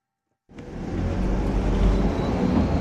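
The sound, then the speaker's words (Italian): After a brief silence, a heavy engine rumble sets in and holds steady as a postal bus drives up the narrow road from Goppenstein into the Lötschental valley, fairly loud with no voices. “Io sesel gli auto da posta che meine mai da Goppenstein sia da el Lötschental.”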